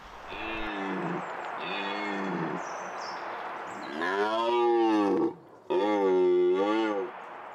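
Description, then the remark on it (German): A red deer stag roars in rut: four deep, drawn-out bellows, the first two shorter and softer, the last two louder and longer, with no voices. “Bis es soweit ist, muss die Rangordnung feststehen und dann hat das Röhren auch ein Ende.”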